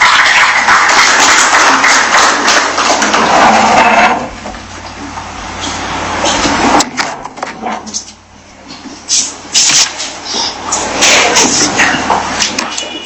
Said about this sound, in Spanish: A continuación, escuchemos las palabras de bienvenida a cargo del señor alcalde de la Municipalidad Provincial de Rioja, palabras del señor Juvenal Nicodemo Flores. Fuertes aplausos para él.